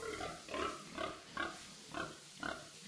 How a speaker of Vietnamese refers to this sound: lại tất tà trở về nhà chăm đàn lợn hơn 30 con, sắp đến kỳ xuất chuồng. Cho lợn ăn, dọn dẹp chuồng trại xong, đồng hồ đã quá 12 giờ.